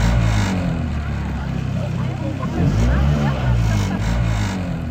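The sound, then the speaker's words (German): A water rescue service boat's engine rumbles steadily and revs up a little now and then, with people's voices faintly audible around it. “Nein, das war ein ganz besonderes Boot von der Wasserwacht.”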